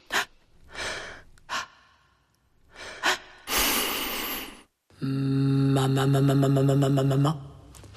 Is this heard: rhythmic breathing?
yes